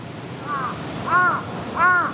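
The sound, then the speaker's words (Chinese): Three harsh crow caws ring out at a steady pace, each a little louder than the last, as crows gather around a dead crow lying on the ground, over a soft outdoor background hiss with no talking. “地上的乌鸦尸体不是他们认识的个体，但他们依然聚集过来。”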